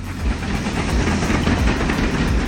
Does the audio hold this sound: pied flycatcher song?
no